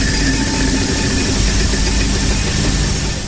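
A game show prize wheel spins with a fast, steady rattle of clicks, loud, running continuously without slowing much over a few seconds, with no voices.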